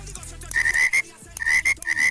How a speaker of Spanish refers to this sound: Mil ranas.